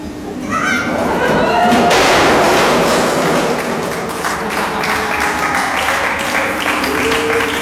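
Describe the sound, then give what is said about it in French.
A crowd breaks into loud, dense applause after a couple of seconds, clapping steadily to greet someone arriving at a crate-stacking activity, as voices and scattered thuds mix into the noise. “C'est sympa de m'accueillir en m'applaudissant.”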